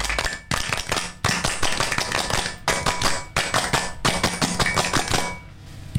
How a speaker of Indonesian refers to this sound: Dua kali tepuk pramuka.